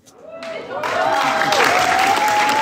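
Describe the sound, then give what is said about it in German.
Loud, dense applause from a large theatre audience for a youth theatre performance at a cultural association in Plattenlase in the Wendland swells within the first second and holds steady, a continuous roar of clapping with faint whistles or voices mixed in. “Tosender Applaus für das Jugendtheater im Kulturverein Plattenlase im Wendland.”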